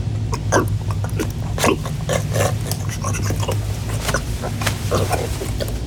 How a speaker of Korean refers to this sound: 돼지는 도원을 올려다볼 때 코를 벌름거리며 킁킁대긴 했지만 그뿐. 더 이상 울지 않았다.